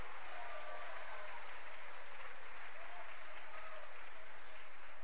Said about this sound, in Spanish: ¿Cuánto le dan un aplauso a esa autoridad suprema? A esa autoridad absoluta.